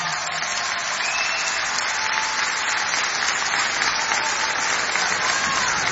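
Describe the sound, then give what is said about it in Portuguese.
Sustained applause from a large audience for a performing musician, a dense, steady wash of clapping at even loudness throughout, with no break and no voices standing out. “E obrigado pelas vossas palmas.”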